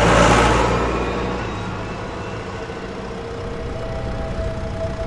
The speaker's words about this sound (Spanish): Mientras otros dormían, él sembraba, regaba o araba bajo la luz de la luna y el ruido constante de su viejo tractor rojo.